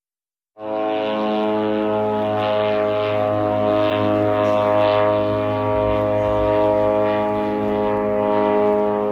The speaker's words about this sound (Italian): Aerei.